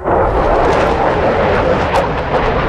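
military jet aircraft flying

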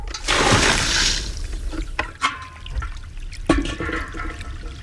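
water babbling

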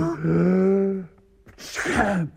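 sneeze

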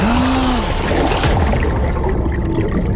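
water splashing and trickling

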